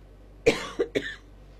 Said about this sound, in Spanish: La tos me juega una mala pasada.